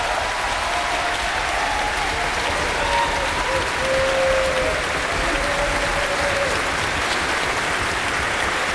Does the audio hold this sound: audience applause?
yes